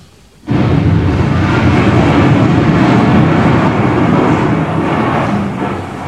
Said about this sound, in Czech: Naštěstí má doktor Hedvábný neustále po ruce svůj oblíbený magnetofon Sonet Duo. A díky tomu máme na věčné časy zachován zvukový snímek onoho historického liptákovského výbuchu.